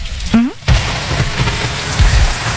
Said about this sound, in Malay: Ya hujan.